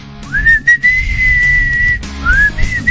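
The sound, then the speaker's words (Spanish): A person whistles with their fingers: a loud, shrill whistle swoops up and holds steady for nearly two seconds, then a second, shorter whistle rises after a brief pause, with no talking. “Estaba yo, practique el chiflido, hombre.”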